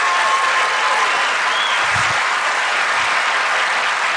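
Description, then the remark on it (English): A large audience applauds steadily, a dense wash of many hands clapping at once that stays loud and even throughout, with no voices standing out. “That deserves more than a golf clap.”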